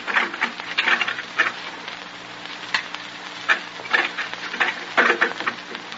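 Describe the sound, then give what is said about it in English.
Light drizzle patters steadily, a fine continuous crackle with scattered louder drops and brief swells. No one speaks. “draws his threadbare jacket tightly about him as if to protect himself from the penetrating drizzle”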